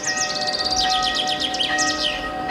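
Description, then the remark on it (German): Steady, sustained tones of church bells ringing, with birds chirping and twittering in quick bursts over them outdoors; no one speaks. “Zum Beispiel, dass es schön ist, im warmen Gras zu liegen, in die Sonne zu blinzeln, wo sich anzudösen und den Glocken zuzuhören.”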